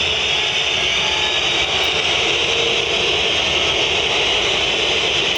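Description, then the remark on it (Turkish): A dense, unbroken wall of stadium crowd whistling at a football match, shrill and loud, holding steady with no pauses and no voices standing out above it. “Muçi kulakları sağır edecek bir ıslık.”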